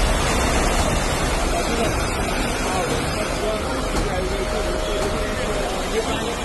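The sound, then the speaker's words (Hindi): Heavy rain pours down in Gujarat, India, in a constant, loud, dense hiss that never lets up, with an indistinct murmur of voices faintly underneath. “हर कोई कोशिश कर रहा है कि सुरक्षित जगह पे पहुंचे, लेकिन अभी भी बारिश जारी है और मौसम विभाग का कहना है आज दिन भर इसी प्रकार से बारिश हो सकती है।”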